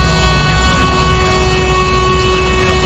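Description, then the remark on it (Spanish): A city bus horn on a Madrid municipal transport company bus, sounded by its driver, blares in one long, unbroken blast, loud, holding a steady droning tone for the full few seconds with no voices over it. “Y ahora una dedicatoria de bocina, mira.”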